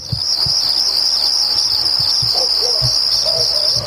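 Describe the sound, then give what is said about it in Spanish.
A steady, dense chorus of crickets chirping continuously at a high pitch, loud, with faint low thumps and a few soft bird-like notes underneath. No one speaks. “Subime los grillos, ahora.”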